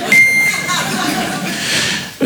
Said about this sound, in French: C'est une star internationale. Il est là pour vous ce soir, mesdames et messieurs. Le bip.